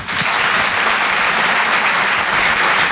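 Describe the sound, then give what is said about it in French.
Loud, sustained audience applause at a comedy show in Paris welcoming a stand-up comedian onstage, a dense wash of many hands clapping steadily for the whole stretch with no voices standing out. “Je vous demande de l'encourager très très fort. Je vous demande d'applaudir”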